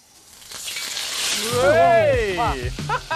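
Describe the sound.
A loud, crackling hiss as a grandmother puts food into a smoking-hot wok over a big flame; it swells up and keeps sizzling, while a voice rises in an excited exclamation over it in the second half.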